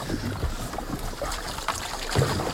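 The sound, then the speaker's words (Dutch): A canoe with two people aboard glides over water after being pushed off from the bank, with soft lapping and a few gentle paddle strokes by one paddler splashing at irregular moments, fairly quiet, no voices. “We zijn te water.”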